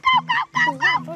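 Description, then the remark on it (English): A child's voice imitates monkey calls when asked which animal sounds it can make, with four quick, loud, nasal hooting bursts in rapid succession and no other sounds around them. “A monkey.”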